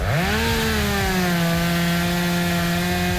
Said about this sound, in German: So, aufräumen mit der Kettensäge.